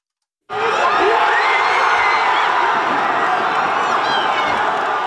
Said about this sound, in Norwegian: Heftig jubel under nattens VM-kamp. På universitetet har forskerne fått merke feiringen.